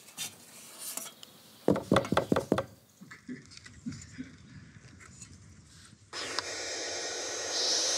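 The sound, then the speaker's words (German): A quick run of about five sharp, loud knocks on a wooden bird nest box in the municipality of Stur, then a few softer taps, followed by a steady rushing hiss that carries on to the end. “Da klopfen wir natürlich auch an, wie üblich.”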